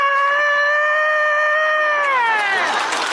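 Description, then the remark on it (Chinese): A person imitates a rooster crowing with one long, loud, strained vocal cry that holds a steady high pitch, then bends downward and breaks into a rough, noisy fade at the end. “你这公鸡叫的太亢奋了呀！”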